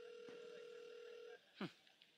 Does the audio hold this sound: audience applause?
no